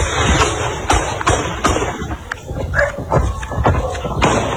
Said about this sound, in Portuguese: Um adolescente que filmava o falso assalto acabou registrando os tiros dos policiais.